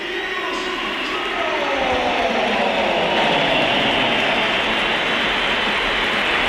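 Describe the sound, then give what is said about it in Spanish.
A big stadium crowd at the Bernabéu reacts with a steady, dense roar of mixed cheering and shrill whistles as Vinicius Junior is substituted off, opinions divided, loud and unbroken for the whole stretch with no clear voice standing out. “Se marcha Vinicius Junior. Y hay división de opiniones. Vamos a escuchar, escuchamos. Mucha gente.”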